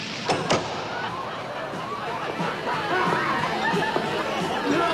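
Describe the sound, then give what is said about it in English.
A steady murmur of many voices chattering at the master's party indoors, a dense, continuous babble with no single words standing out, opening with a couple of quick thuds. “Are you having a party? You've arrived on a rather special night.”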